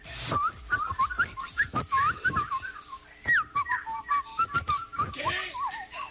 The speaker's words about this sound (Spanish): No. Está muy verde ese chiflido.